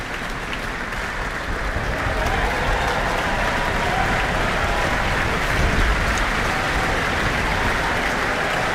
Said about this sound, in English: After the reduced classical orchestra of the Mozart first half, we're now back to our full symphonic Auckland Philharmonia. And applause, acknowledgement for the timpani.